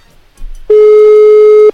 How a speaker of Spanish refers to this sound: Ahí estaría timbrando.